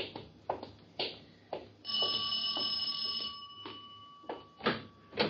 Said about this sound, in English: Oh, there's the doorbell.